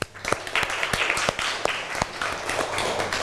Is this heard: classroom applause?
yes